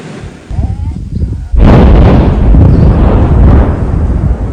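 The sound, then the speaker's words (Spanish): A mining blast goes off outdoors in the semi-arid region of Rio Grande do Norte, northeastern Brazil, where gold is mined: after a quieter rumbling lead-in, a sudden loud boom erupts about a second and a half in, followed by a long, heavy rolling roar that sustains to the end. “Es una explosión en medio del semiárido brasileño. Detonación de la minería, un absurdo.”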